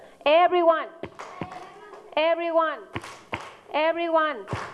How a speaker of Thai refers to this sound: โอเคทีนี้ประเดี๋ยว everyoneตบมือค่ะ